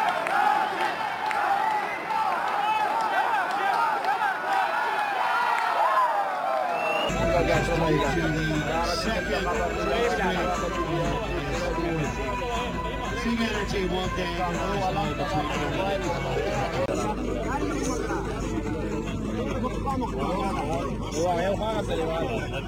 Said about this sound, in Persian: همونطور که دیدیم هوادارا و تماشاچی های بسیار زیادی هم آمدن، تخمیناً حدود 2000 نفر آمده بودند که تعداد بیشترشان هوادارای بودند که افغانستان را تشویق میکردند.